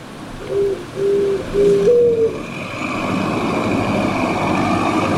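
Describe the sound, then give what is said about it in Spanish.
A cuculí dove coos in a series of three or four low, hollow notes, the last one slightly rising and drawn out, against steady outdoor background noise that continues after the calling stops. “Ese yo conozco como cuculí.”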